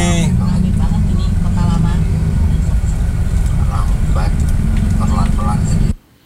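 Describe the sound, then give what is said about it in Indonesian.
Heavy, continuous road traffic in Kota Lama on a holiday weekend: a dense, steady rumble of engines with muffled voices mixed in, running without a break until it cuts off abruptly near the end. “Dan untuk saat ini jalurnya padat.”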